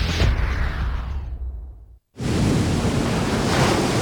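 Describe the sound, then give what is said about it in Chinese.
Strong wind and crashing waves, on a day too windy for boats to sail, make a loud, continuous roar. A surge fades away into a brief moment of silence, then the heavy rushing noise returns steadily. No one speaks. “老张，今天风这么大，船开不了了，在家休息吧。”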